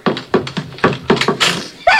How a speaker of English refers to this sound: Mom, do you hear that? Sounds like Skip scratching at the door. I think it is.